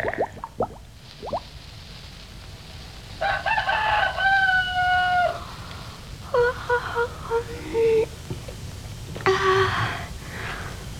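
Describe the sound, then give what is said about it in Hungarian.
A rooster crows three times in succession, each a drawn-out, harmonic cock-a-doodle-doo, moderately loud over a faint outdoor background with a few soft clicks at the start. “de siessünk, nyár van, hamar virat, mintha már valahol kukorékolna is egy kakas.”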